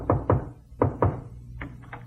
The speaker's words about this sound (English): Suddenly there was a knock on my door.